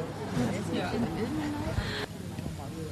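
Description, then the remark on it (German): A small baby boy babbles in short, wavering coos and squeals while carried in a baby carrier during a walk, set against a steady rumble of outdoor traffic noise. “Und ich habe gestaunt, dass mein kleiner Sohn in der Trage mitgemacht hat, den man jetzt auch gerade hört.”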